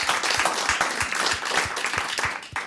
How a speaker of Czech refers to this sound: Učil nás pan Švehlík. Zatleskáme Alojzi Švehlíkovi.